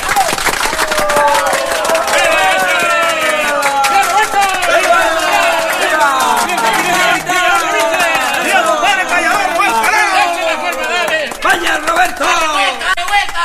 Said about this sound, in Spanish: ¡Venga ese aplauso!